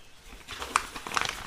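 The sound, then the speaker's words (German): Paper crackles and rips in two quick bursts, a sharp tear followed by a rougher, fluttering rip, as an envelope is torn open, with no voices. “Da. Er ist offen.”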